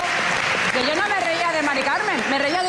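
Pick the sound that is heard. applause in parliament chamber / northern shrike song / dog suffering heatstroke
applause in parliament chamber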